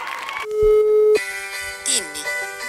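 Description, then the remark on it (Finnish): A mobile phone rings with a bright electronic ringtone: a long held tone followed by a few shorter melodic notes, one sliding downward in pitch. “Oho, oota mä vastaan tähän vielä.”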